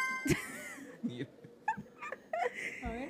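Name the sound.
dog whimpering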